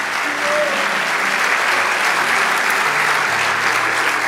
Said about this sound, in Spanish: Si quiere decir amén, diga amén. Vamos, dale ese aplauso.